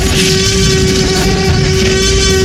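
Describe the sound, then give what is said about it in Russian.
A loud, sustained Tyrannosaurus rex roar, as the dinosaur was long thought to sound, created by sound engineers from a heavily processed elephant scream. It is harsh and rumbling, with a steady droning pitch running through it for a couple of seconds, with no talking. “Этот вопль создали звукорежиссеры, сильно обработав визг слона.”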